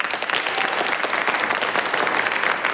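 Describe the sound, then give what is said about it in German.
Steady, dense applause for Navi Pillay, the 85-year-old South African jurist, as she enters historic Courtroom 600 in the Nuremberg Palace of Justice after learning of her Nobel Peace Prize; a continuous wash of clapping hands at even loudness with no voices standing out. “Applaus für Navanita Pillay.”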